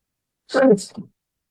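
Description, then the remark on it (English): A single short sneeze, a voiced burst followed by a breathy hiss, over within about half a second with silence on either side. “Excuse me. Nothing to sneeze at.”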